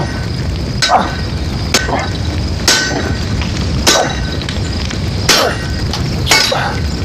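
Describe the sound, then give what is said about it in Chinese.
A hammer strikes hot iron six times in a steady, unhurried rhythm while a blade is being forged. Each ringing clang stands out sharply over a constant low rumble of forge noise. “这抡吗？ 哎， 这砸吗？”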